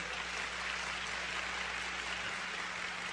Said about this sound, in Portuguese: Quero dar um aplauso, vamos lá. Por favor.